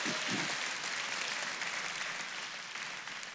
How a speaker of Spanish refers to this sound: Ahora sí, dale este aplauso al Señor.